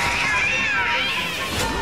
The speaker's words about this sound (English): A cat?